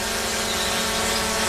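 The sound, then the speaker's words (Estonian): A drone hums steadily in flight, a continuous whirring buzz with a high-pitched motor whine that holds even throughout without pausing. “Droon on kodu peegel.”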